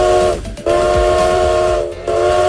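A steam train's whistle sounds in long, loud, steady blasts, briefly cut off twice, over a low rumbling of rolling wheels. No one speaks.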